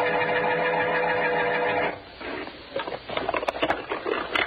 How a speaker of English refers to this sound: Dumping the stuff from this drawer on the floor.